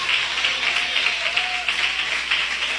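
An audience claps together in praise of Jesus in a steady, dense stream of applause, loud and continuous, with a loose rhythmic pulse running through it and a faint voice briefly audible underneath.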